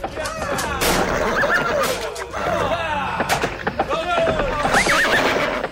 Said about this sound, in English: He started to hear the sound of horse hooves thundering on the ground.